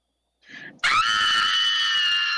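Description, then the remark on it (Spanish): A short breathy intake gives way to a loud, sustained high-pitched scream from a listener's recorded audio message, holding steady and piercing for well over a second, alone. “Mándame tu audio así gritando y yo te regalo boletos”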